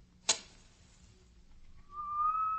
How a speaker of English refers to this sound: All at once, I heard another sound. A very gentle, soothing sound, like that of a small jet of steam escaping from a kettle.